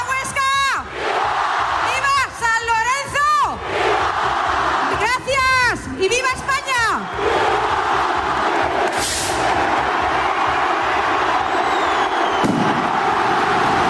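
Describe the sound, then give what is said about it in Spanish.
A dense festival crowd in Plaza de la Catedral, Huesca, roars and cheers with shrill whistles and chanting at noon on 9 August, and a single sharp signal rocket bursts partway through, opening the San Lorenzo festival, followed by continued loud crowd noise. “El estallido del cohete anunciador tempranero este año con algún minuto de adelanto ha dado paso en Huesca al inicio de las fiestas de San Lorenzo, con una marea blanca y verde que durante 7 días toma sus calles.”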